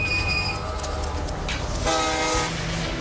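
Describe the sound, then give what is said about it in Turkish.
A train rumbles steadily along the rails. Its body vibrates more and more noticeably, with a dense low roar, metallic rattles and a brief high squeal. The sound stays loud throughout, and no one speaks. “225 kilometre güneyde trenin gövdesindeki titreşimler iyice belirgin bir hal alıyor.”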